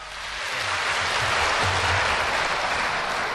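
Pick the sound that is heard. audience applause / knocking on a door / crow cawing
audience applause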